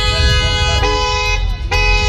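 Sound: car horn honking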